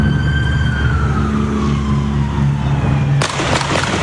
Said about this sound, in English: we're about to hear the moment Garces Perez was shot